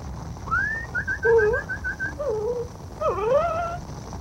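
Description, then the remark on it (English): A dog whimpering in a string of thin, high whines, some short and repeated, others sliding up and down, over a steady background hiss. “Here, doggy. Here.”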